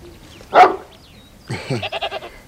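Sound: goat bleating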